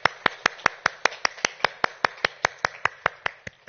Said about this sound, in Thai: ขอเสียงปรบมือดังๆเป็นกำลังใจให้กับเจ้าหน้าที่ตำรวจในพื้นที่4จังหวัดชายแดนภาคใต้ครับ